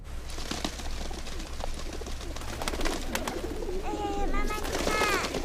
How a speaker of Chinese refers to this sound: 妈妈，你看鸽子来了。